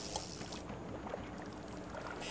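A small boat shoves off from a dock, water sloshing and knocking against the hull in a steady wash with a few brief splashes and bumps.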